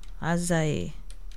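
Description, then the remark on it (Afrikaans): A brief murmured voice is followed by a few light keypress clicks, like someone tapping out text on a keyboard or phone. “Hy nou wil hy nie vir my tik nie.”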